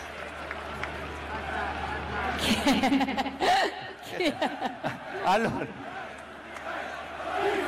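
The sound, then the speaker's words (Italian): A crowd applauds and cheers for Mister Allegri. A steady wash of clapping is broken by a few loud whoops and shouts in the middle, then settles back into a continuous murmur of applause. “Allora, un grande applauso a mister Allegri.”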